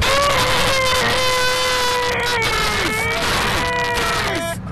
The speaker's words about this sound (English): I have to do it. I can do it. I don't have a problem if it squeaks when I'm doing it. I just can't stand there watch you squeaking styrofoam because it just drives me bonkers. Want to hear the most annoying sound in the world?